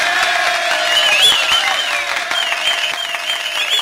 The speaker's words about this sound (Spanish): La fanfarria, el aplauso.